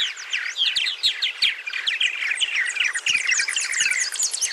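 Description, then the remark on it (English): A dense chorus of purple martin calls from a nesting colony, many birds chirping and chattering at once in a continuous, busy wash of overlapping twittering notes, fairly loud, with no talking. “Purple martins nest in large colonies, leveraging their numbers to warn away and defend against predators.”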